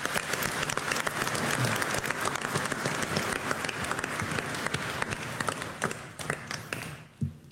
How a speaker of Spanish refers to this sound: Hoy estamos celebrando el Divino Salvador del Mundo. Un aplauso al Divino Salvador del Mundo.